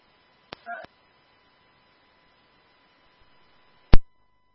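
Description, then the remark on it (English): A brief electronic mobile phone chirp, a couple of quick tones bracketed by soft clicks, followed a few seconds later by a single sharp, louder click. No one speaks. “It's just my phone.”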